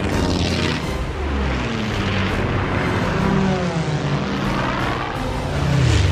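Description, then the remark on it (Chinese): Loud, continuous roar of fighter plane engines, with droning propeller tones that rise and fall as many aircraft sweep overhead during an air battle, filling the whole stretch without any talking. “给你，前面有很多敌机，我在你后面。”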